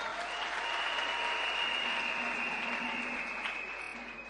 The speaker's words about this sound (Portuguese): Senhores membros do Conselho Consultivo da Presidência da República, Senhora Presidente do Conselho Municipal da cidade de Pemba, nosso anfitrião, que peço uma grande salva de palmas.